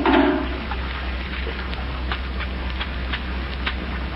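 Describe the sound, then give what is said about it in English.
Soapy water made with kitchen soap sloshes and splashes in a bucket in short, irregular bursts while a car is washed, over a steady low background rumble, moderately loud, with no voices. “Come on now, hand me that soapy water.”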